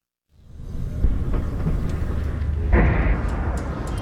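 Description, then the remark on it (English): Deep, rumbling explosions roll in from the distance, heard from a hospital in Abati, southern Lebanon, with one heavy thud about a second in and another a couple of seconds later, over a steady low roar and no voices. “We've just arrived at the hospital here in Abati, and we've just heard 2 loud explosions in the distance.”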